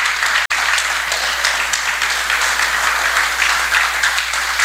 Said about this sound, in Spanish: ¡Aplausos!